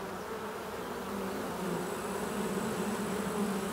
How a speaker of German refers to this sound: Die vorübergehend obdachlosen Bienen versammeln sich am Waldrand und bilden eine Schwarmtraube.